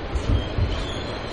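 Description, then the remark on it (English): A New York City subway train rumbles along the rails, a steady low roar with a couple of heavier thumps from the wheels and a faint metallic whine above, heard from inside the car. “The New York City subway. It transports 5.38 million people per day.”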